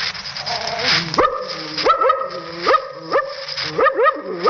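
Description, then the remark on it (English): A man's voice imitates a suspicious dog, producing a series of clipped, rising barks and gruff woofs at a steady, hesitant rhythm, clear with no other sounds. “A suspicious dog like this.”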